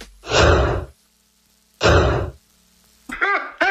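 Two loud, breathy sneezes about a second apart, each a harsh burst of air, followed by a short voiced utterance.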